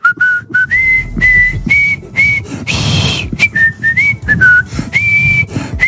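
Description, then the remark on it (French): A person whistles the melody of La Marseillaise to conclude a broadcast, a bright, steady tune of sustained and stepping notes, fairly loud, with a short noisy breath or rustle midway. “Ce que je peux vous dire, c'est qu'on n'est pas à Saint-Denis, on n'est pas chez Monsieur Bagayoko, mais je vais quand même siffler la Marseillaise pour conclure cette émission.”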